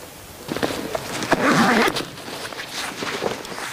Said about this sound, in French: Tu te repères au son des brebis? Ouais, au son des cloches. Là, ça, c'est des brebis du Pays Teuil, donc d'ici. Et elles ont des cloches différentes des miennes, qui sont des brebis basques.